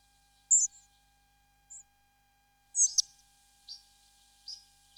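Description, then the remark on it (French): High, thin calls of pied flycatchers, a very common bird, short sharp notes repeated irregularly across several seconds, fairly faint, with no voices. “Les gobe-mouches noires qu'on entend ici, et qui sont vraiment très très communs.”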